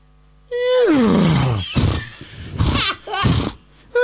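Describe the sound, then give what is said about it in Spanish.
A voice imitates a horse: a loud, harmonic whinny that slides from high to low pitch, followed by several breathy, noisy snorting bursts. “Viste que todos tenemos una gracia caballo.”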